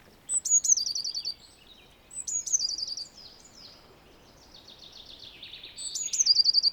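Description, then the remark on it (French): A blue tit calls and sings in three short bursts of high, thin notes, the last one a rapid trill, with quieter chatter in between against a soft outdoor background. “La mésange bleue, on va l'entendre un petit peu partout.”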